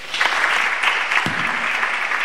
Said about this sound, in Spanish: Así que muchísimas gracias a todos por acompañarnos, y por don Miguel, un aplauso para él.